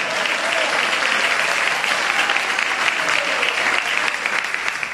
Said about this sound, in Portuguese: Essas palmas estão tão fraquinhas, é de gente que não crê.